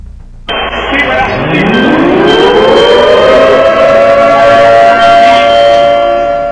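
An earthquake warning siren in Venezuela, announcing a seismic doublet on 24 June, starts abruptly and loudly, its pitch winding steadily upward for a few seconds before settling into a sustained, steady wail with a harsh, buzzing edge.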